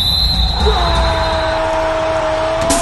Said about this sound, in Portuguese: Apito com gol, já ouviu esse sinal?